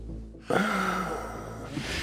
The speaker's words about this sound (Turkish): Ağzından derin nefes al.